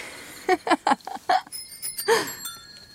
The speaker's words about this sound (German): Auf jener Straße klingeln gleichzeitig drei verschiedene Radler. Der mit dem dunklen Ton ist der letzte und hat bereits Licht.